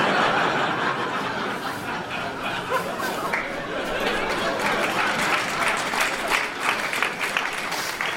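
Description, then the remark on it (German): An audience claps steadily throughout, a dense, even patter of many hands with scattered chuckles and light murmuring mixed in. “Alle, die klatschen, haben das auch schon mal erlebt.”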